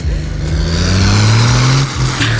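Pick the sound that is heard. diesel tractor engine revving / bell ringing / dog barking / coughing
diesel tractor engine revving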